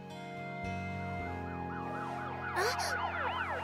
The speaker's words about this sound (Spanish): ¡Ah! ¡Un camión de bomberos! ¡Mamá! ¡Papá! ¿Escucharon eso? Sí, nos despertó también.